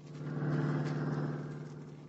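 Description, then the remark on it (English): A car engine hums steadily as the car is driven to Midvale, a continuous low mechanical drone with a slight swell in the middle, at moderate volume with no voices. “Now, Nick and Scubby are in Nick's car. Scubby is driving.”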